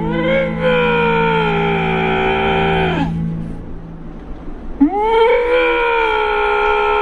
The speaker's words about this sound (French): Et après, on a des lynx.